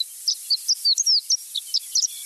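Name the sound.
horned lark song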